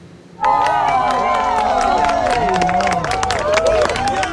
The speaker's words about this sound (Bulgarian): С аплодисменти и радостни възгласи хора из цяла Испания посрещнаха двете минути мрак.